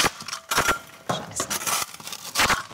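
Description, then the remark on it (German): A spatula taps clay plaster on a wall with a hollow space behind it, in a handful of irregular knocks, each a short, fairly loud hollow thud like rapping on a door, with scraping between hits and no voices. “Hier zum Beispiel hört man das, dass das klingt, wie als würde man gegen eine Tür klopfen.”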